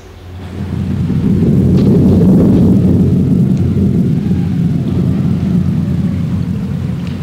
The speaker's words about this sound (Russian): Давно собиравшаяся гроза разразилась. Дети укрылись под деревом, но дождь пробирался сквозь листву, и негде было спрятаться от него.